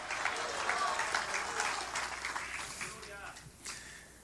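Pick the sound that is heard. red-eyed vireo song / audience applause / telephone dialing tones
audience applause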